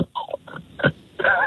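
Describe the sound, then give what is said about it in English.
A person imitates a snore with their voice: a few short, raspy nasal bursts followed by a longer, louder grating snort at the end. “If I tell you, if you hear this snore, I mean, I feel bad.”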